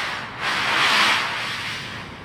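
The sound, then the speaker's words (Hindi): A sled carrying a seated girl slides downhill over snow in one continuous, hissy scrape that swells louder through the middle and then eases off, with no voices. “Sledge के फिसलने की गूंज सुनाई पड़ती है।”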